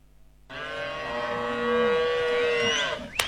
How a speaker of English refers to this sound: I want you to guess if this cow is expensive or not. Here's the first sound.